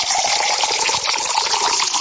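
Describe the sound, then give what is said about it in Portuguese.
Water from a spring spout pours steadily into a glass, a continuous gushing splash that holds at an even level for a couple of seconds, with no voices. “E agora é aquela hora de tomar aquela aguinha, né?”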